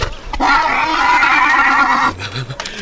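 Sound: horse neighing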